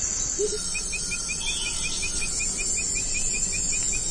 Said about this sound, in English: And those continuous sounds? Those are insects.